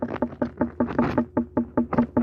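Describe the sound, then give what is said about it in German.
A watermelon farmer in Upper Bavaria raps his knuckles quickly and steadily on an unripe watermelon to test its ripeness. About a dozen fairly loud knocks, each a short, slightly pitched tok rather than a deep hollow thud. No one speaks. “Und so hört sich jetzt eine unreife Melone an.”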